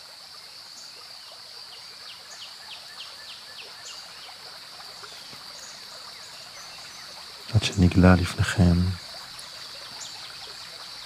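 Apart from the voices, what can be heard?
flowing stream water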